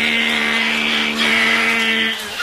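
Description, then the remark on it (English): A loud, continuous grinding buzz, like a vibrating sex toy, imitated by a voice. It holds steady for a couple of seconds with no talking, then dips slightly at the end. “Hope the grinding noise doesn't disturb Miami Vice”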